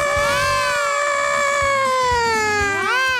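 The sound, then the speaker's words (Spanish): A voice mimics an ambulance siren with one long, loud, sustained wail whose pitch slowly sinks over about three seconds, then swoops sharply upward at the end. “Hace las ambulancias.”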